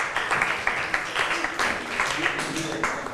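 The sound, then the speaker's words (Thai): A class of students breaks into steady applause for two classmates after a classroom game, many hands clapping in a dense, crackling patter that holds at an even level for a few seconds, with faint voices murmuring underneath. “ขอบคุณค่ะปรบมือให้เพื่อนทั้งสองคนหน่อยค่ะ”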